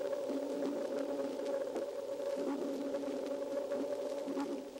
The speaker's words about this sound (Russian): Еще лучше эхо будет слышно, если замедлить запись дельфинов в 64 раза.